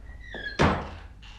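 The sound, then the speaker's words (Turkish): A door swings shut with a single solid thunk, preceded by a faint creak of the hinges, then a brief quiet tail of room noise. “Kapıyı kapa önce.”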